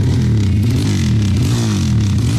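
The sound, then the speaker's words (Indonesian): A motorcycle fitted with a loud, throaty aftermarket (brong) exhaust revs continuously, its low engine drone rising and falling steadily throughout with no voices present. “Makanya gak usah aneh-aneh, pakai knalpot brong segala lagi. Buruan, ganti sana knalpotmu. Tapi keren kan suaranya?”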